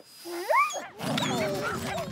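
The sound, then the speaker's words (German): A dog gives a couple of rising, yelping cries, then a busy jumble of several dogs in a dog sitter's care barking and yapping over each other follows, fairly loud. “Habt ihr einen Hund gekauft?”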